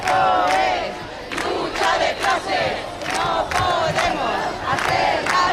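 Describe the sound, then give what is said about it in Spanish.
A large crowd of protesters shouts in loud, rhythmic unison, chanting slogans such as "¡Viva la lucha de la clase obrera!" in repeated bursts with dense, overlapping voices that barely pause between cries, as they push past a police cordon and enter a building. “Unos acontecimientos que han dejado además 9 policías heridos después de que algunos manifestantes sobrepasaran el cordón policial y consiguieran entrar al edificio al grito de "¡Viva la lucha de la clase obrera!".”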